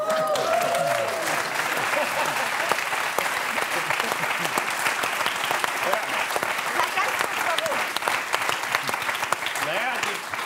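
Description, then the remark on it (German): An audience claps in a steady, moderate patter for about ten seconds after a Polish mayonnaise is presented, with a few voices and murmurs mixed in. The applause sounds polite and subdued rather than enthusiastic. “Das verhaltene Klatschen kann ich nicht nachvollziehen.”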